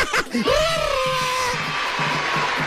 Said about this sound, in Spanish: Bien, se ha merecido ese aplauso.